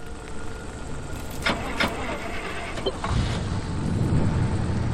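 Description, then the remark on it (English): A station wagon's engine cranks and starts in a garage after a few sharp mechanical clicks, then settles into a steady low rumbling idle, moderately loud, with no talking. “Okay, Tristan got in the station wagon.”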